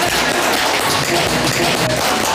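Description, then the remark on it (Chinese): A group applauding: a dense, steady wash of many hands clapping at once, loud and even throughout, with no voices standing out. “是的嘛，这就很好嘛，鼓掌，来来来来来。”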